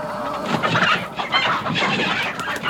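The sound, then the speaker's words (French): Several hens cluck busily as they hide from predators, a dense overlapping chatter of short clucks and murmurs that continues steadily throughout, with no talking. “Les poules se cachent pendant que le coq fait face aux prédateurs.”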